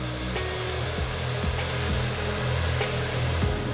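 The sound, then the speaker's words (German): Turbine engine number 1 of a twin-turbine helicopter starts up before a first control flight: a steady, loud mechanical roar with a high whine that climbs slowly in pitch as it spools, with no voices. “Wir starten das Triebwerk 1.”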